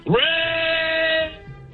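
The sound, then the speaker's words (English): A caller's single loud, high-pitched Raider scream over a phone line, swooping up at the start and then holding one steady pitch for about a second before cutting off abruptly. “I'll try and do the Raider scream where we'll register.”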